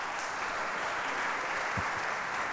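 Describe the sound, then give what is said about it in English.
Steady, dense applause from a large audience after a live choral performance, a continuous wash of clapping at moderate volume with no voices or music over it. “I didn't mean to speak over the applause of that beautiful performance.”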